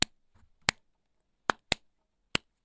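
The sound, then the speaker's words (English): Five sharp, crisp hand claps in a syncopated rhythmic pattern, with two quick claps close together in the middle, clapped along to replicate a song's synth-driven intro line and bass drum. They ring out on their own with no talking, apart from a faint rustle. “When you hear the synth intro, if you're not doing anything, you're sitting around, feel free to clap like this.”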